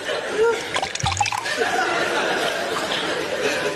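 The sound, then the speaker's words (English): Tea poured into a cup, a steady trickling hiss lasting a few seconds, with faint background chatter and a brief clink near the start. “Pours himself a cup of tea.”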